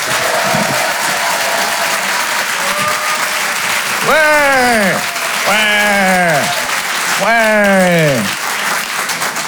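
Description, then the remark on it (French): An audience at the Rire et Chanson Comedy Club, on the stage of the Apollo Théâtre in Paris, applauds steadily and loudly throughout as a comedian is introduced, with three rising-then-falling whooping cheers cutting through the clapping in the second half. “Faites un maximum de bruit, s'il vous plaît,”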